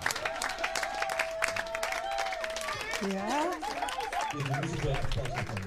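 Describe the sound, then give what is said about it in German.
A crowd applauds Sebi Tăraș steadily for several seconds, dense clapping filling the whole clip while voices call out and whoop over the top, rising in pitch toward the end. “Mici aplauz.”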